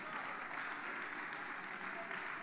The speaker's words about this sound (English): Come on, clap your hands and praise God.